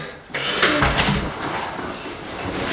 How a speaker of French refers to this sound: Je me permets. Je peux fermer la porte?